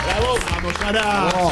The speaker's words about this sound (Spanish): El aplauso para Sarasa.